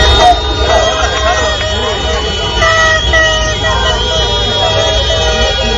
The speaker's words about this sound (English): Hundreds of cars all night long blasting their horns. You can see the Ecuador team, some of the members standing in the window saying, seriously, seriously, this is what we're doing.